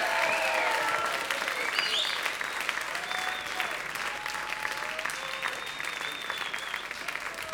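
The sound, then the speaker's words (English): Steady audience applause for musicians after their live performance, a dense wash of clapping that holds at a fairly even level for several seconds, with faint whistles and cheers rising through it. “Let's hear it for them.”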